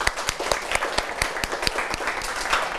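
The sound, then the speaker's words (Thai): Students in a class clap steadily for a few seconds for a classmate who answered a question, a busy patter of many hands forming a light round of applause with no talking. “คนอื่นดีมากเลยครับปรบมือให้เพื่อนครับนักเรียน”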